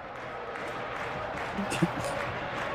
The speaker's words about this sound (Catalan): Aplaudeix l'afició parisenca.